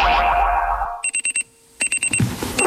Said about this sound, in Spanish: El despertador.